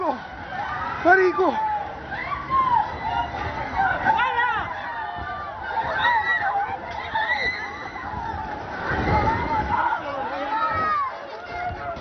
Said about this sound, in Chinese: 强震发生时，加拉加斯郊区房屋瞬间坍塌，烟尘滚滚，居民四散躲避，呼喊尖叫声不断。